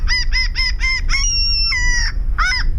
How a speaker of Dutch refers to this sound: De stormmeeuw.